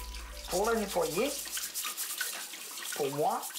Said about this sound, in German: Ich wasche sie unter fließendem Wasser ab. Mit der Bürste. Ich schrubbe damit die Erde, den Dreck von der Haut.